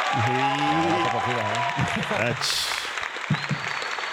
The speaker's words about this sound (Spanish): Así que tiremos un aplauso ahí para las muchachas. Para decirle... ¿No hay aplauso? Y qué botón era.